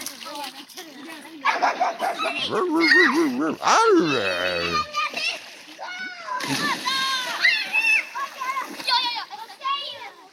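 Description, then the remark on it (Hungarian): In a Tilos Rádió station ident, a dog barks and yelps excitedly again and again while water splashes and churns, the lively noise filling the whole stretch with hardly a pause. “Itt csobog és ugat a Tilos Rádió.”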